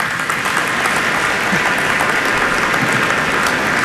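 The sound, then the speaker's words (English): An audience at a speech claps steadily for several seconds after the polymer industry cluster is mentioned, a dense, even wash of many hands at a fairly loud level, with no voices standing out above it. “That deserves a clap.”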